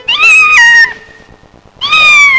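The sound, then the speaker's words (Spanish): A kitten meows twice, high-pitched, the first cry drawn out and sliding downward, then a short quiet pause before a second insistent mew. “Un gatito.”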